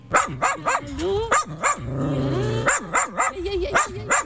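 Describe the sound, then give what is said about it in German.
Several dogs at an animal shelter in Osterode, Germany, bark in quick, overlapping bursts, with a drawn-out whine or howl rising in the middle before the sharp barking resumes. “Draußen im Sommer haben die Hunde im Tierheim Osterode viel Platz und sogar eine eigene ehrenamtlich gebaute Spielwiese.”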